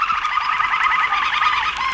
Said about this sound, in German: Und hier sind diese Gesangskanarien im Hintergrund.